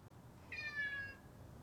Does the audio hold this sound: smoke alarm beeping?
no